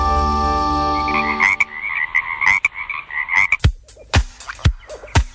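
Frogs croaking: a deep, drawn-out croak gives way to a chorus of pulsing, rattling calls punctuated by sharp clicks, fairly loud with no voices.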